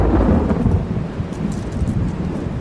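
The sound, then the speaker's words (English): Deep, continuous thunder rumbles through a summer afternoon thunderstorm, heavy low-end roar swelling and settling with a faint hiss of rain behind it, no voices present. “While he was still a few miles from home, a thunderstorm broke on the horizon.”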